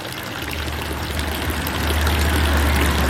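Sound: village fountain splashing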